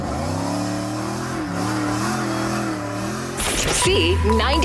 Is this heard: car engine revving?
yes